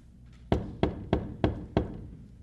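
Five firm knocks on a gate with writing above it land in a steady, evenly spaced rhythm, each a solid thud with a brief ring, and no voices alongside.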